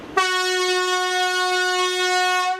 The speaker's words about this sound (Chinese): 一声长鸣是最常见的，多用于发车路段警示提醒。